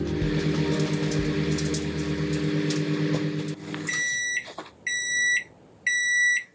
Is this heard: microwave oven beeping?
yes